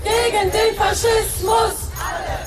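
A large crowd of protesters at a demonstration against fascism in Berlin chants in unison, loud rhythmic shouted syllables repeating in a steady cadence of about four beats, voices blending into a dense roar.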